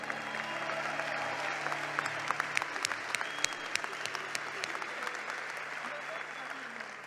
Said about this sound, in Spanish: Es la primera vez que viene a Grace. ¡Qué pena, brother! ¡Un aplauso para él!